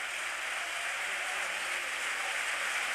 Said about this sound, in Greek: Τώρα η αλλαγή, διπλή αλλαγή. Ο Τέιλορ παίρνει το χειροκρότημα από την Τούμπα. Έτρεξε πολύ ο Σκοτσέζος.